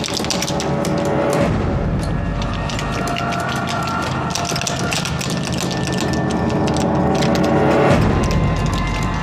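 Continuous metallic rattling and clicking as someone struggles to open a lock with a key, steady and fairly loud with dense ratchet-like clicks throughout and no talking.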